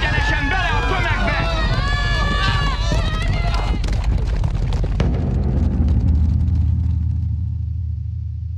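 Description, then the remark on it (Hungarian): Voices shout over a rising clatter, which gives way to a dense, heavy rumble of many hooves pounding at once as a whole herd of horses, set loose and driven by someone, gallops out of the stable, loud and continuous to the end. “valami iszonyatos lódobogás.”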